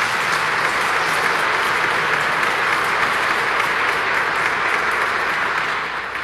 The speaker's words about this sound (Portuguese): Nossa Senhora merece uma grande salva de palmas, né, gente?